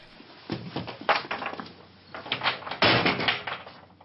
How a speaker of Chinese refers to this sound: 气不过，摔门而去。